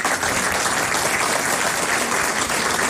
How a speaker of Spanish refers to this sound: Un aplauso para él.